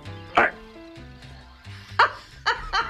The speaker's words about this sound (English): That's a little dog that I have here. They call him pocket dogs. You have like all kinds of dogs. I do.